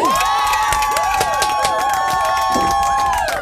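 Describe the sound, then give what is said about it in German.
A crowd cheers and claps loudly and steadily, with dense rapid clapping throughout and a sustained high tone with swooping pitch running over the cheering. “Applaus, Applaus, mein Lieber.”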